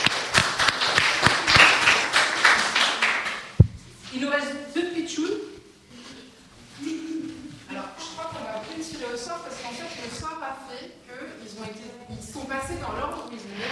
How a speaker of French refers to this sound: On peut l'applaudir encore une fois, c'était vraiment bien, bravo.